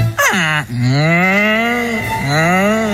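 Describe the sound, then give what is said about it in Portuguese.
Oxen moo loudly in a series of long, drawn-out lowing calls, each sliding down in pitch, with no talking over them. “E como fixeron a franqueira daquela santo remedio, fixen así, colleron un carro de bois.”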